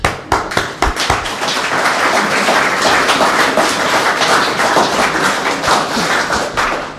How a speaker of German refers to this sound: Danke, Beifall.